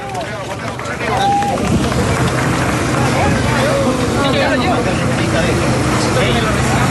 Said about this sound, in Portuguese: Ouvimos aplausos e muitos gritos enquanto este homem é assistido já dentro da ambulância.